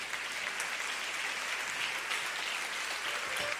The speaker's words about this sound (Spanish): Denle ese aplauso al Señor Jesús.